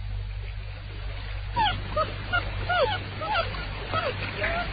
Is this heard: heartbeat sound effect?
no